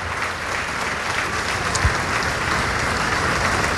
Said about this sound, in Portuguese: Vamos aplaudir ao nosso Senhor Jesus, a palavra de Deus.